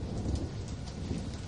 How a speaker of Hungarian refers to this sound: Zivatar. Dörög az ég.